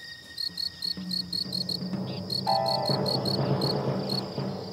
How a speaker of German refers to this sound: Mit lautem Zirpen versucht dieses Feldgrillenmännchen, ein Weibchen anzulocken.